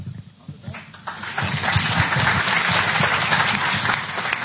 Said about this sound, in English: Okay, that's the last time I'm going to allow you to applaud.